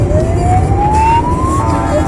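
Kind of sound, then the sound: vehicle, emergency vehicle siren approaching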